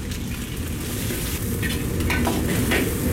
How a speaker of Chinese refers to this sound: 锅烧热之后加入猪油50克，油温4成热之后加入准备好的独蒜下锅，开小火炸5分钟，把独蒜炸香。5分钟之后将肚条下锅煎炒1分钟